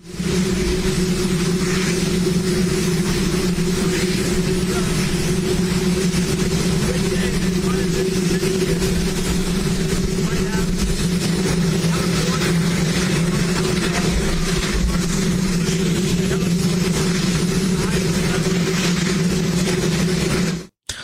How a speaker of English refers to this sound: could see President Donald Trump's mouth moving during a ribbon-cutting ceremony for the new White House helipad, but couldn't hear his remarks, with only the sound of a running helicopter engine audible after no one was there to properly mic him up.